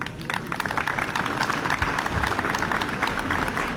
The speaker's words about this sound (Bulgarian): Аплодисменти за вас.